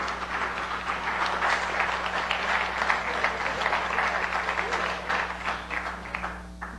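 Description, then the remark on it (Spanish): A crowd applauds steadily at a tenth-anniversary recognition ceremony as Dustin Guerra, director of Ser TV, comes up to receive an award. Dense overlapping claps form a continuous wash of sound that holds strong for several seconds, with a low steady hum underneath and no voices. “Y bueno, aplauso fuerte porque es nuestro anfitrión del décimo aniversario.”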